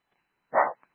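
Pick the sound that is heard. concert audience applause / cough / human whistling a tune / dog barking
dog barking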